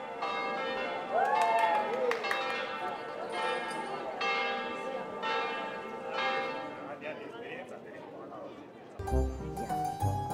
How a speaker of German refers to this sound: Die Glocken kündigen ein besonderes Ereignis an. Heute wird Hochzeit gefeiert.